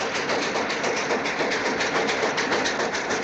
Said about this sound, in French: Le matin du sixième jour, le train s'arrête brutalement